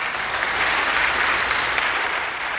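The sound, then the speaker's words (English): A church audience claps steadily and loudly during a sermon, a dense wash of many hands applauding together without a break and with no voices standing out. “And we need to double down as a church, every single one of us, and saying we are going to spend, amen, we can clap for that.”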